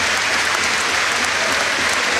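A large crowd at the Sclessin stadium applauds Robert Absolon in a dense, continuous roar of clapping that holds steady and fairly loud throughout, with no clear voices standing out.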